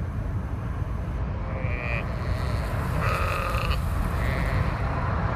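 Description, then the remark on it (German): Sheep bleat a few times in the countryside, harmonic wavering calls around two and three seconds and again near four, heard from inside a moving car with the window open, over a steady low rumble. “Zum Glück fahren wir jetzt eine Weile über Land. Guckt mal, Schafe.”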